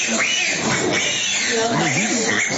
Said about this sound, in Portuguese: É, alimentando os porcos e leitões. Eita, criação perfeita que o Criador fez.